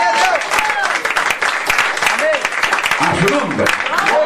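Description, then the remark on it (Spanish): An audience breaks into loud, sustained applause for the Lord, dense clapping filling the space for several seconds while voices call out and cheer over it. “Que le fuerte ese aplauso.”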